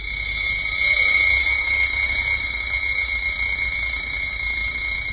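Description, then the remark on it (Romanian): An alarm clock rings in one steady, unbroken electronic tone, fairly loud, with no pauses for the whole stretch and a low rumble underneath. “N-ai să-mi spui mie că deșteptătorul pe care l-auzi sună nu aici, ci la etajul 3.”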